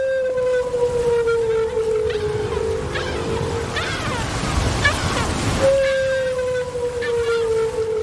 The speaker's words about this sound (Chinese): 丽萨的水听器捕捉到了大赤鲸在水下的叫声，扬声器中传出了大赤鲸悠长的叫声。这种声音听起来像是来自外太空